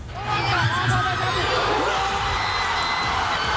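A huge crowd of thousands of Paraguay football fans at the Palmas and Alberdi fan zone in Asunción, Paraguay, erupts in a loud, sustained roar of cheering, with shouts and whoops piled on top, celebrating the 1:0 goal against Germany without letup.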